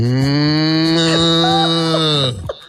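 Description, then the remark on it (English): A person imitates a cow's low, drawn-out moo, one loud, steady call held for about two seconds before cutting off abruptly, with no other sounds. “Cows don't go moo. Cows just go.”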